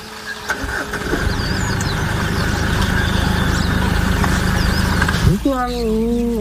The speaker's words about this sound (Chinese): 叟猫的低吼是对猎豹的警告，两只猫科动物都不肯让步。